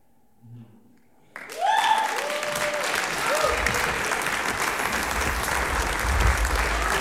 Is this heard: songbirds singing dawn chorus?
no